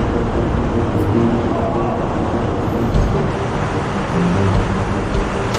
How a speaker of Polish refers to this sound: Idziemy wewnątrz lodowca, na górze mróz, a tu płynie woda. Normalnie płyną rzeki.